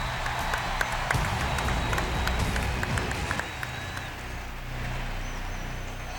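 A crowd applauds a Colombian singer in a dense, steady wash of clapping that holds for about six seconds, easing slightly toward the end, with a faint whistle threading through; no one speaks.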